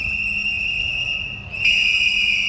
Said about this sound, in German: Eine Gruppe mit Pfeifen und Transparenten protestiert vor dem Wiener Aktionismusmuseum.